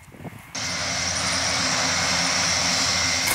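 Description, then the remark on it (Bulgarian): A firefighting propeller airplane roars, its loud, steady engine drone with a low throbbing hum kicking in abruptly after a brief quieter moment and holding constant to the end. “Промяната в климата и честите пожари направиха търсенето на специализирани самолети много голямо.”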